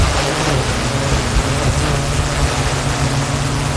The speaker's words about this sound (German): Ja, so klingt nämlich eine spezielle Drohne, die die Einsatzkräfte da gerade testen. Was daran so besonders ist, es ist eine autonome Drohne. Wenn es einen Alarm gibt, dann fliegt die automatisch von der Wache aus los, um schon mal aus der Luft